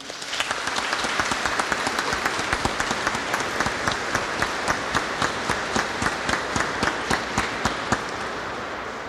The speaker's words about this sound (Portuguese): E temos esta belíssima presença de 9 crianças, futuras coroinhas, estão em formação, por isso ainda sem a veste, mas aqui, sentadinhas, participando, observando. Vamos acolhê-las com uma salva de palmas.